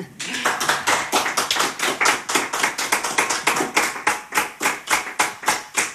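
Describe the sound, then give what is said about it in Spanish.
Applause from an audience fills the whole six seconds, a steady run of sharp, crisp claps at an even pace, loud and unaccompanied by any talking. “Pues Alfredo, le damos un aplauso, ¿no?”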